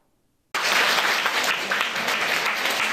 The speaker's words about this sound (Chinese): 佛光人热情拍手迎接法师进场。佛光山纽约道场举办人间佛教让佛法陪你走每一天系列讲座，